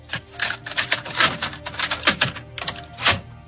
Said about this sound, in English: Cassette tape.